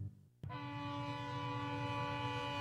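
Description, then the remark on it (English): A freight train horn blasts loud, holding one steady, chord-like note for over two seconds after a brief low rumble, with no voices. “When it's time to move your harvest, you need a rail partner you can trust. And at BNSF, we're more than just a railroad.”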